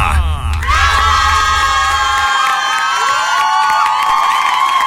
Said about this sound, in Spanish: ¡Qué tanto aplauso, pues!